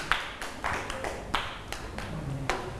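A group of children clap their hands in a loose, uneven patter of many overlapping claps, moderately loud and close, with a few sharper accents standing out; no one speaks.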